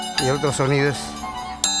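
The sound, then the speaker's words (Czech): Sharp metallic clinks from Peruvian scissors-dance clappers: a few bright, ringing strikes spaced unevenly, with a voice sounding between them. The clappers look like scissors but are two separate pieces, one representing the male principle and one the female, each sounding slightly different. “V podstatě to jenom vypadá jako nůžky. Ve skutečnosti jsou to takové dva kolíky.”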